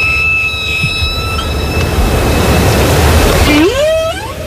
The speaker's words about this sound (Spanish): Bueno, este sonido es de una ballena jorobada, no es de una orca